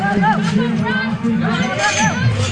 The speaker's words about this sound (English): The handlers swing open the gates and the animals dash into the arena as the crowd claps and hollers.